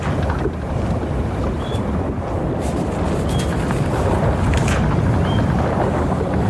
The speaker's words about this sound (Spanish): Cada viaje tiene un sonido propio. Por eso hoy te mando la postal sonora desde la cubierta de una carabela.